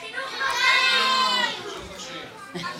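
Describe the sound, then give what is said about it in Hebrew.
A burst of many children's voices shouting together at once, each calling out the thing they most like doing at school, a loud, overlapping jumble that peaks in the first second and a half before trailing off into scattered calls. “כל אחד יצעק בבת אחת את הדבר שהוא הכי אוהב לעשות בבית ספר, נראה מה שומעים, 3-4 ו...”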